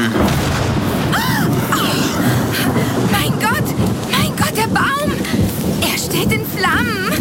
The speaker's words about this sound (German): Ein Blitz schlägt immer in den höchsten Punkt ein.